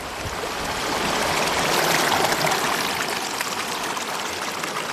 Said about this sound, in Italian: Quest'acqua che scorre è l'Arno Bambino, ancora ignaro, di Pontevecchio del Mare. Sono a Molin di Bucchio, il primo mulino d'Arno, nel Casentino.